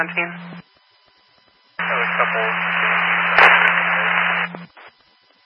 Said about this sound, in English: Your radio's covered with static. Radio 717, you're low and covered in static.